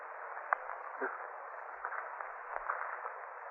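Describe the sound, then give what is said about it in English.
A steady, muffled hiss runs throughout, with faint rustling crackles and a few soft ticks scattered over it, from something moving in a corner. “It's a kind of rustling. Hissing sound.”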